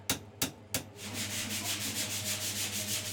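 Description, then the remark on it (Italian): Sandpaper rasps against an olive wood knife handle, smoothing it before a coat of clear varnish: three sharp separate strokes, then a steady run of quick, even back-and-forth scrubbing with a dry, hissy texture over a low hum. “Qualche tocco di carta vetrata, una bella spennellata di vernice trasparente ed ecco esaltate le venature dell'olivo di questa creazione unica.”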